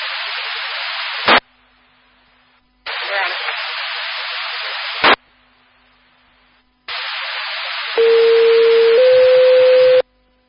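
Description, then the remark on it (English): Bursts of radio static with sharp squelch clicks between them, then a loud fire dispatch paging sequence for the Columbia fire department: one steady tone stepping up to a second, slightly higher tone, held for about two seconds. These are disregard tones for a delayed accident report at County Road 681 and County Road 380. “I'm going to drop tones for Columbia Fire.”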